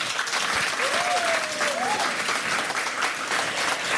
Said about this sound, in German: Und das alles wie immer unter den Augen eines sehr sympathischen und interessierten Publikums, das auch sehr interessanten Beifall machen kann.